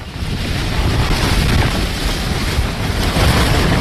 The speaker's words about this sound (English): Seems like a wind, perhaps cyclone wind.